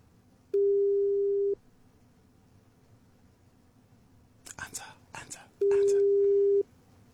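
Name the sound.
telephone ringback tone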